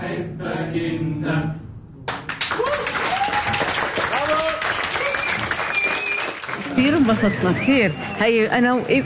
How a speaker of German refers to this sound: Das Stück ist eine Komödie. Das Publikum in Jenin lacht viel und ist begeistert.